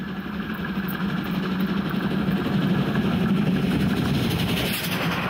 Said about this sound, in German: Den Anfang hat Zug 2 gemacht, der jetzt seine Geschwindigkeit vermindert und von Zug 1 mit 01202 und 01150 überholt wird.